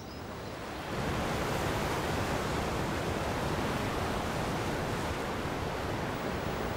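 Ocean waves wash against the seashore in a steady rushing roar that swells up after the first second and holds constant, with no voices.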